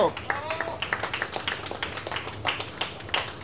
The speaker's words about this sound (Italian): vince per neanche due decimi, un grande applauso!